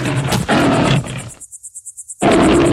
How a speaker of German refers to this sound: Da kam plötzlich ein junger, starker Löwe, brüllend auf ihn zu.